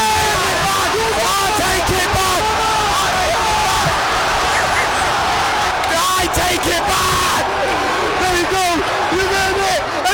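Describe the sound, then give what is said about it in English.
A football crowd erupts after Harry Kane scores to make it 1-1, a dense, sustained roar of cheering, yelling and whooping voices that stays loud and unbroken throughout, with shouts rising and falling inside the wall of noise, amid flares, fire and beer thrown in the air. “Everybody's going crazy!”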